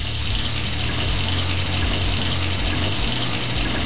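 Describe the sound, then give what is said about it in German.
Cold water pours steadily from a tap, a continuous hiss with a low rumble beneath it that holds at an even, fairly loud level throughout, with no voices. “Überall, wo Blut fließt, lasse ich kaltes Wasser drüber fließen und es kühlt extrem gut ab.”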